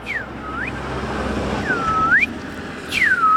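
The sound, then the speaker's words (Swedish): A person whistles three times in imitation of a bird call, trying to fool a bird-identification phone app, each note swooping down then sliding back up, clear and fairly loud over a steady rushing background noise. “Jag försöker lura appen här nu och tror att jag är... Jag vet inte ens vilken fågel som kan låta så där, men jag provar.”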